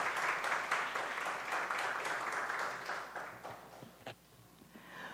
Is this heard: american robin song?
no